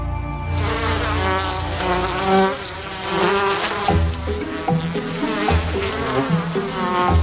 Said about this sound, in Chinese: 在沙漠中，事物往往会突然焕发生机。蜜蜂成群结队的蜂拥而至，不知道是从哪儿冒出来的，成百上千，突然的从地下嗡嗡的飞起来，是地花蜂。